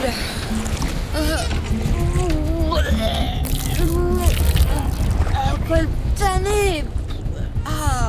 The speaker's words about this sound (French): Les flots sont agités et ça tangue à bord des liburnes.